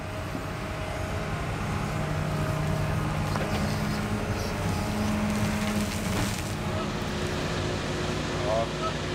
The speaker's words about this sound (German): Das heißt, 12.000 Tonnen Schotter müssen aufgeschüttet werden. Mehr als 500 LKW-Ladungen. Tag und Nacht fahren die Laster dafür nach Altona. Immer durch die Wohngebiete der Stadt. Der Lärmpegel für die Anwohner ist gewaltig.